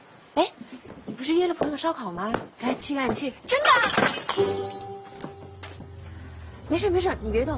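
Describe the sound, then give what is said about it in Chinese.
A drinking glass smashes once, sharp, with a short ringing tail fading afterward; people talk before the break and resume soon after. “杯子打碎了，我捡捡。”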